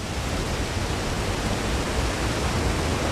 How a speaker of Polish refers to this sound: Wieje. O tak, tutaj wieje, wiatr z Doliny Lipca.